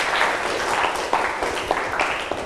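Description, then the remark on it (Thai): A group of students applauds to thank an educational video, a dense, steady patter of many hands clapping at once, fairly loud and continuous throughout, with no talking over it. “นักเรียนขอบคุณสื่อวิดิทัศน์ดีๆกันหน่อยนะคะขอให้นักเรียนช่วยกันปรบมือเพื่อขอบคุณสื่อวิดิทัศน์ดี”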